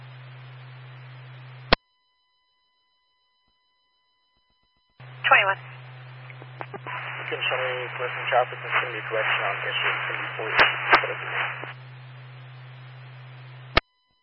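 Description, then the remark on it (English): Hissy, band-limited radio static with a low hum, cut by sharp clicks, and a garbled, muffled voice breaking through the noise midway before dropping back to hiss. “What was the rest of your transmission? You've got a lot of static.”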